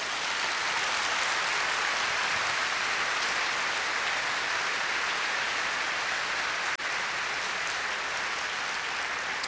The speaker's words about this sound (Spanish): No busquen, aplaudan al Señor.